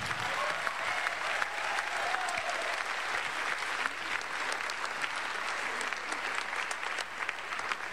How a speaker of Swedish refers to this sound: Nu ger vi dem en stor applåd.